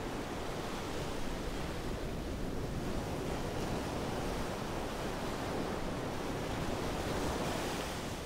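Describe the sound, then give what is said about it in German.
Storm waves crash against a new stone breakwater in a constant, heavy roar of surf, with the beach in front of the houses already flooded. Wind rushes over the water, and the booming noise never lets up or pauses. No voices can be heard. “Wird der neue Steinwall der Kraft der Wellen standhalten?”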